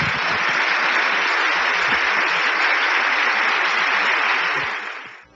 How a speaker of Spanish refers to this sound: Démosle un aplauso